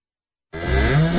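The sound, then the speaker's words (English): A cow, Dorothy the Cow from Gateway Veterinary Services, lets out a loud moo that begins abruptly after a brief silence and holds steady, a low sustained bellow. “It's Dorothy the Cow from Gateway Veterinary Services.”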